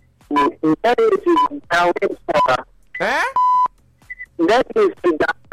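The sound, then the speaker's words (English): A short, harsh game show buzzer, hit by mistake during a quiz, blares once, loud, cutting into a stretch of lively talk before the voices continue. “Once we're done, I hit the wrong buzzer.”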